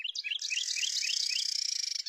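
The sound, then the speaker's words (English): A breeding pair of Carolina wrens in North America sing a duet, the male repeating bright, rolling phrases of clear notes while the female holds a steady, buzzy trill underneath, both voices overlapping continuously with no talking. “In North America, breeding pairs of Carolina wrens sing duets to strengthen their bond and defend territory.”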